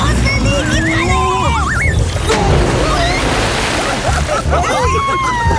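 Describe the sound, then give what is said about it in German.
A big splash as someone plunges into a pool: a sudden loud crash of water trailing into sloshing, with high squealing, whooping voices around it before and after. “Du hast ja das halbe Becken leer gemacht.”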